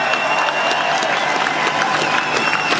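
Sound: crowd applause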